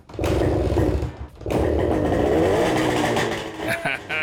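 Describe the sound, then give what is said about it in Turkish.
A small engine, freshly refuelled with new spark plugs and the choke open, sputters briefly, cuts out for a moment, then catches and runs steadily with a buzzing, rattling drone before it wavers near the end. “Kesinlikle ateşledi.”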